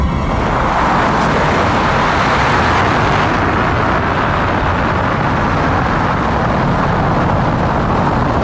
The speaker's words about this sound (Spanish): 4, 3, 2, 1, ignición y...